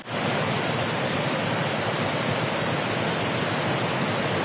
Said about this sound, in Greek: Με το βλέμμα στο Μεσάπιο ποταμό είναι οι κάτοικοι στα Ψαχνά της Εύβοιας, καθώς σε κάθε ισχυρή βροχόπτωση κατεβαίνουν ορμητικά νερά.